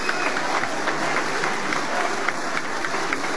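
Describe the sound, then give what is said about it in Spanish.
Sustained applause from a large crowd in the chamber of Peru's Congress of the Republic for President Keiko Fujimori as she is about to deliver her message to Congress, a dense, steady wash of many hands clapping at an even loudness throughout, with no voices standing out. “Pese a ello, los aplausos continúan para la presidenta Keiko Fujimori, quien se ofrece a dar el mensaje al Congreso de la República.”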